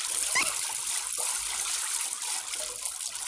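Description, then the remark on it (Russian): A man spits out water while showering in a wooden shower cabin: water splutters out of his mouth in a quick spit over a steady, hissing spray of running water, fairly loud, with no voices. “Выплевывает воду.”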